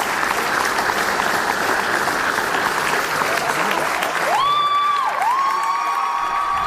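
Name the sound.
audience applause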